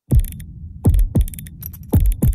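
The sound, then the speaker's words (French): A clockmaker's clock mechanism in Uccle, Brussels, ticking in heavy, uneven tick-tock pairs, each beat a loud knock with a deep thump, over a steady low mechanical hum. No one speaks. “Vous entendez? C'est l'horloger, l'artisan du temps à Uccle, qui fait battre le cœur de Bruxelles.”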